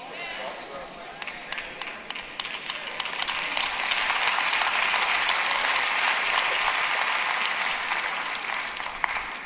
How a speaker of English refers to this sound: I don't know why the claps get lower and lower every time y'all do it.